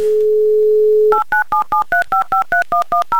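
A steady dial tone hums for about a second, then eleven quick two-pitch touch-tone beeps follow in an even, rapid rhythm as a phone number is keyed in. No one speaks.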